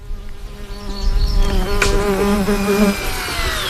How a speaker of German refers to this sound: Gestartet werden die Drohnen dabei mitten im Feld oder in einer Wiese.